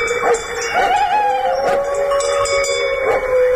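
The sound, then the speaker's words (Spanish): A wolf howls far away in long, wavering tones that rise and slide, with a second voice seeming to overlap at times, set against a steady hiss of open-air background noise. “Pero ahí estaba, desde el corazón del conflicto, estaba aullando un lobo.”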